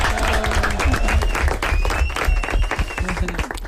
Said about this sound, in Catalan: Aquí tenim un violinista, també. Sí, part de clar, un aplaudiment.